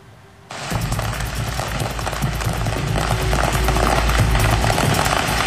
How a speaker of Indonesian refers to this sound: Kebakaran kios kembang api di Oklahoma mencuri perhatian karena ledakannya seakan membuat pertunjukan kembang api di langit.